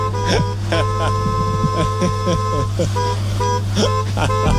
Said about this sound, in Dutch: Is een witte Volkswagen-bussie. Timmy Toeter, die de camping wakker wil toeteren elke morgen. En dat doet hij met zijn muzikale klakson.